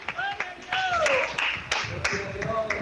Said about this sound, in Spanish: Denle fuerte ese aplauso, Señor. Póngase de pie esta mañana.